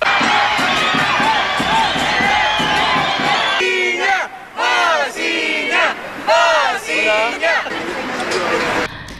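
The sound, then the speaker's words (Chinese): A loud crowd of Colo-Colo football fans in Santiago, Chile, welcoming a newly signed player, cheers over steady, rhythmic drum and gong beats, then breaks into bursts of raucous shouting and chanting that rise and fall. “感觉就是敲锣打鼓啊， 对，非常的热情哈。”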